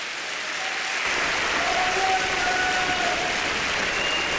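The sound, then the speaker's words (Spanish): A large church audience claps steadily for the Lord during a Spanish-language sermon, the applause swelling quickly and holding at a dense, sustained level throughout, with faint voices and a few cheers mixed into the crowd noise. “Dele palmas al Señor por eso.”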